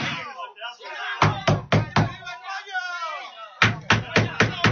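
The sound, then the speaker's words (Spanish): Heavy pounding on a front door in two loud bursts, first four blows, then a faster run of five, with a voice talking between and over the knocks. “Están disparando contra la puerta de entrada.”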